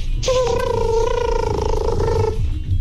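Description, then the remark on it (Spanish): A voice imitates an elephant's trumpet: a single loud, steady call lasting about two seconds, mid-pitched and buzzy with rich overtones, starting with a breathy burst over a low background rumble. “A ver, escuchen este elefante, a ver qué tal.”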